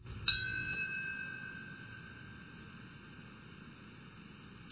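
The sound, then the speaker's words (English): A single memorial bell strike rings out in Lower Manhattan on the 25th anniversary of the 9/11 attacks, at 10:28 am, the time the North Tower collapsed. Its bright tone hangs and slowly fades over a low background hum, before a second toll begins at the very end. “In Lower Manhattan, a bell ringing earlier this morning.”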